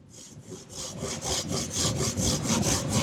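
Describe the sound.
A hand saw cuts through wood in steady back-and-forth strokes, about ten rasping pulls in quick rhythm, fairly loud with no one speaking.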